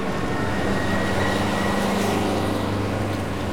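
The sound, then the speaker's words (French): A steady, dense roar of street traffic as cars start up, motorbikes weave through and trucks rev their engines: low engine drone and rumbling motors blend into a continuous, loud wash of noise, with no voices. “Les voitures démarrent. Les motos se faufilent. Les camions font rugir leurs moteurs.”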